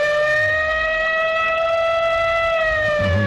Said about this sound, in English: I did misspeak, only because I misread something here. You can hit me with the siren if you want to.